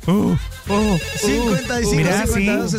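A telephone rings for an incoming listener call to a live show, a loud, steady, melodic ringtone with warbling tones that runs without pause for nearly three seconds.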